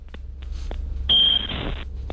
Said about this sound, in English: Do you have any idea what that could have been? Is that not his smoke alarm? Was that? Maybe that was his smoke alarm. Yeah, I thought so.